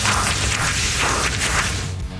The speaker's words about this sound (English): That's our new cleanup sound? That's the mop sound effect I pulled for the cleanup on aisle 5, 6, 7, 8, 9. That's a mop?